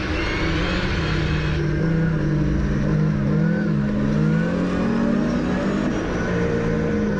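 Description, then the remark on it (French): A rally car on rally tyres revs hard while being driven, its loud droning engine pitch climbing and dipping as the throttle works, running continuously without a break for the whole stretch. “Après, il te faut tirer le moteur, tu vois.”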